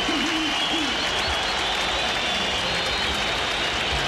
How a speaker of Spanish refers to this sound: Aplauso para Rojas, ovación para Marcelo Díaz, Roberto Enrique Vallejos.